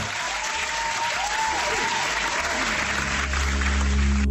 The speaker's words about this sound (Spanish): Fuerte aplauso para ella.